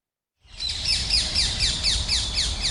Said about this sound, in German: In Köln sind sie überall, diese quietschgrünen, ständig quasselnden Vögel.